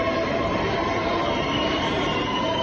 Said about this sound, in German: Großer Jubel dort, denn da wurde ein historisches Urteil gesprochen. Bashar al-Assad wurde zum Tod verurteilt, der frühere Diktator von Syrien.